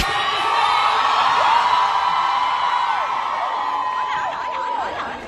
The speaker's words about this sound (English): Was it the cheering? I think people were confused what was going on because he was obviously exiting. Yeah. And some fans were just cheering for him.